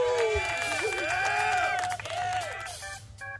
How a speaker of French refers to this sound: On a des touches qui envoient des sons. Alors, par exemple, je peux envoyer une petite musique. Ah non. Dommage. Ah. Parce que c'est les applaudissements.